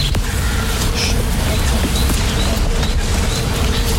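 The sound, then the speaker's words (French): A steady, low buzzing drone of hundreds of bees in the trees and on the flowers runs unbroken through the whole clip, with faint high bird chirps flickering above it and no talking. “Est-ce que vous l'entendez ce bourdonnement ? Ben ça, ce sont les abeilles hein, qui sont dans les arbres là.”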